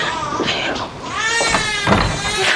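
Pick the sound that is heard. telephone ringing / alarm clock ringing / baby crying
baby crying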